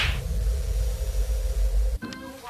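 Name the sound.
slap sound effect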